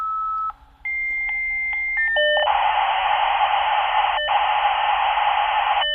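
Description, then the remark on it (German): A 1990s dial-up modem dials into the internet: a short tone, a rapid series of touch-tone dialing beeps, then a loud hissing burst of screeching handshake noise with brief clicks, with no voices. “Ja, so tönte es in den 90er Jahren, als ein Modem sich in das Internet eingewählt hat.”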